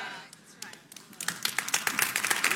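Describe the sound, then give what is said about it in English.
Scattered hand claps start sparsely, then build into a denser burst of clapping from several people, sharp, with faint voices underneath. “I'll clap for that myself.”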